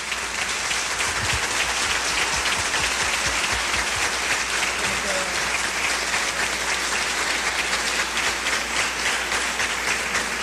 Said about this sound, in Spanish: Invito con todo el respeto y con un aplauso para la gloria de Dios al pastor Arturo Norero.